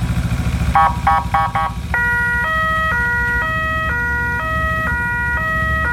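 A new ambulance motorcycle's siren, the motorcycle to be used mainly in Łódź: a few short rapid chirps, then a loud two-tone wail alternating steadily between a high and a low pitch over a low engine rumble, with no talking.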